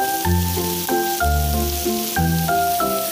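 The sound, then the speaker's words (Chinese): Qiqihar-style barbecue meat sizzling on a grill: a dense, steady crackling hiss that runs unbroken for the whole clip, with a melodic tune playing underneath and no one talking. “所有人到齐齐哈尔就对齐齐哈尔这个烤肉这个特色就没有抵抗力， 就是这个声。”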